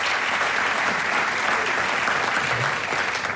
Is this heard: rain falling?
no